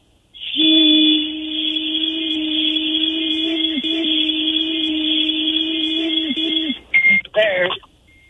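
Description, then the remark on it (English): A breathalyzer that a person is told to blow into gives off a steady, loud electronic tone for several seconds while warming up, then ends with a few short, quick chirps. “It's still beeping. Have you passed yet? It's still warming up.”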